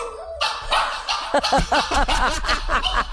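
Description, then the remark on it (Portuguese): A small dog barks into a microphone in a quick run of sharp, high-pitched yaps, about a dozen in three seconds, loud and with no one talking over them. “O cachorrinho late, ele volta no microfone e late de novo.”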